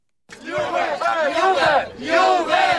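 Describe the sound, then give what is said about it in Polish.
A large crowd of students gathered on the Main Square in Kraków during the Juwenalia festival, as the city's president hands them the keys to the city, shouts and cheers loudly and continuously, many voices overlapping in a dense, raucous roar that swells in waves, with no single speaker standing out. “okazji juwenaliów prezydent Krakowa Aleksander Miszalski przekazał żakom zgromadzonym na rynku głównym klucze do miasta.”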